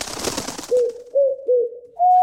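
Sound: pigeons cooing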